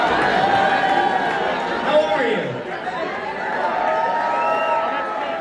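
A large crowd roars with sustained cheering and clapping at the beginning of a comedian's stage intro, a dense, steady wash of noise with rising and falling shouts and whoops cutting through, staying loud for the whole stretch.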